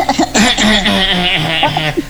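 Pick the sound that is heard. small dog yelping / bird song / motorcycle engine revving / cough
cough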